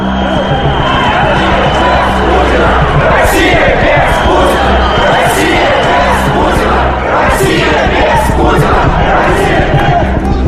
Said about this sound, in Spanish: Aquí en la calle Chistoprudny reina un ambiente de júbilo y todo el mundo hace ruido. Están cantando. Os aseguro que aquí hay mucha gente.